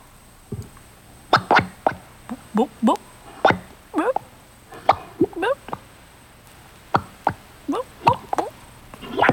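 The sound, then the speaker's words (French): Thick mud bubbling and popping, a quick irregular run of wet plops and gloopy bursts, some rising in pitch, with no voices over them. “C'est la boue qui fait des bulles.”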